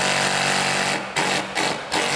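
An impact drill with an impact-only chuck, meant for drilling concrete but adapted for this job, hammers loudly in a dense, rattling buzz, briefly easing off three times in quick succession before roaring back, with no voices.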